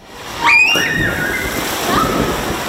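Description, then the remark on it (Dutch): A sudden splash as someone jumps into the swimming pool Het Bun in Urk, Netherlands, just reopened after renovation of its tiles, followed by a couple of seconds of churning, sloshing water. A brief high-pitched shout rings out around the moment of impact. “De verlossende sprong.”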